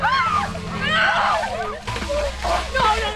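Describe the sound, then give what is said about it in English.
Several bursts of freezing ice water sloshing and splashing as players on the Wilmington High field hockey team dump orange buckets of it over their heads during the 10th annual Ice Bucket Challenge, with excited voices shrieking and calling out over the splashes. “Down the line, players on the Wilmington High field hockey team dump orange buckets of freezing ice water over their heads as they take part in the 10th annual Ice Bucket Challenge hosted by the Wilmington Rotary Club.”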